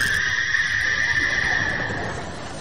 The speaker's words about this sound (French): En fait, je voulais mettre un hibou, mais j'ai pas trouvé sur internet, alors j'ai mis une grenouille, bon, pour la peur.